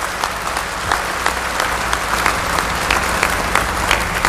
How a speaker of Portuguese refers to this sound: Você pode aplaudir o Espírito Santo. Mas pode ser mais forte.